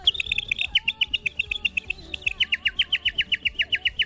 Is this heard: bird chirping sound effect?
yes